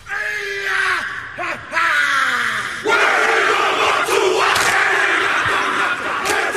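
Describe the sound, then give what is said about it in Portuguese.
A group of men shouts a rhythmic Maori haka war chant in unison, with loud, sustained bellowed cries and a swelling crowd roar joining in during the second half. “Você em algum momento provavelmente já ouviu ou assistiu essa dança tradicional do povo maori chamada haka.”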